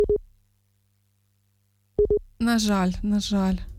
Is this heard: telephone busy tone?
yes